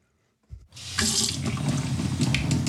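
After a brief clunk, tap water gushes steadily into a gallon-sized jug in Cadiz, Ohio, a continuous splashing rush that holds strong for the rest of the moment, with no voices.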